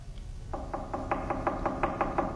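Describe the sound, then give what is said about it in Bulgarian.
A rapid, even series of about ten knocks on a door, each a sharp hollow rap, steady in rhythm and moderately loud over a low background rumble, with no voices. “Кой чука?”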